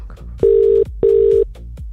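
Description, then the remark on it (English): A telephone ringback tone on an outgoing call: two steady electronic tone bursts, each under half a second, separated by a short gap, clear and fairly loud with no talking. “we could be calling you right now. Don't forget, you've got to answer the phone.”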